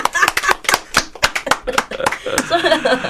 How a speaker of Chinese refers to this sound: 我要拍手。